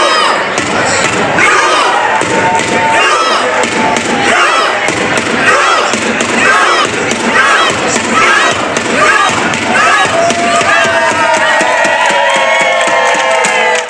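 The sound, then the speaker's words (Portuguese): A large crowd of Norwegian football fans chants and cheers together while rhythmic claps and thuds keep a steady beat, loud and sustained throughout, as they do the Viking rowing celebration, rowing and applauding. “A festa norueguesa aconteceu como já se imaginava, com a remada viking.”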